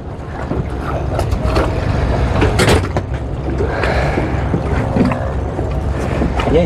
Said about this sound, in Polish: Wsiadamy na łódkę. Łódź porządna.